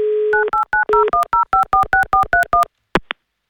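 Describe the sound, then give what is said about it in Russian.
A steady telephone dial tone gives way to about ten quick, evenly spaced keypad beeps as a number is dialed, ending with a couple of sharp clicks. No one speaks. “Набрали номер телефона 6431.”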